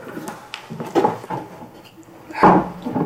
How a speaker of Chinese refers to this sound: 搬把椅子，让他们坐下。